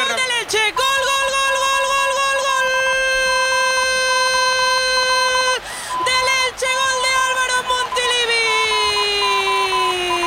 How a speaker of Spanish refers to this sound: Por cierto, se percibe cada vez que toca la pelota, efectivamente, Romero Mbappé. La silbada cada vez es más morrocotuda, Sí. Para mí la noticia de la tarde, cada vez que intenta una jugada que no le sale, mira.